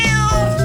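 A single loud cat meow, sustained and slightly wavering in pitch, heard on its own with no talking.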